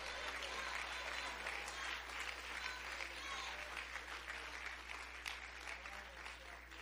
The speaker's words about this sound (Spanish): ¡Bendito Jesús! ¡Dale un fuerte aplauso a Cristo!